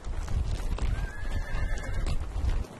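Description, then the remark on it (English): A horse gives a drawn-out neigh over a steady low rumble of hooves and movement as nomads herd their horses outdoors, with the busy, continuous noise of several animals. “The horses have grown big and strong in the abundance of summer.”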